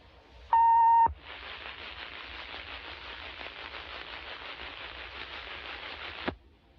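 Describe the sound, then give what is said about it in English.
A broadcast station's emergency action notification system test tone sounds once: a loud, steady electronic beep lasting about half a second. It cuts off abruptly into a long stretch of even, hissing static that ends suddenly. “For the next 60 seconds, the station will conduct a test of the emergency action notification system.”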